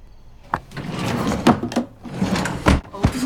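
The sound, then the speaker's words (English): The top drawer of a wooden dresser scrapes open and slides shut as a picture frame is put inside, with several knocks and rattles as it moves, closing with a firm thump. “Tree puts the picture frame in the top dresser drawer.”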